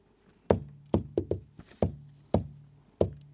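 Several firm knocks on a wooden door in an uneven pattern: a single knock, a quick cluster of three, then a few spaced-out raps, each with a short resonant thud.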